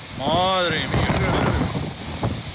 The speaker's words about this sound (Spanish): Es el sonido del viento, de la tormenta, que este lunes por la tarde dejó en una plantación de pistachos en Motilla del Palancar, a Saja.